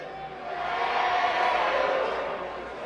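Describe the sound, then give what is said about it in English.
A stadium crowd at a baseball game at the ballpark cheers in a steady, dense roar of many voices that swells through the middle and eases slightly toward the end, with no single voice standing out. “This crowd is lit up.”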